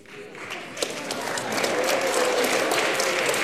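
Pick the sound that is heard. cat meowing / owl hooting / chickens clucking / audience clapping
audience clapping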